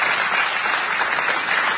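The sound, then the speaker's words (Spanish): Steady, dense applause from an audience for Alejandro Dolina fills the whole stretch, a loud continuous wash of many hands clapping with no voices rising above it. “Un fuerte aplauso para Alejandro Dolina.”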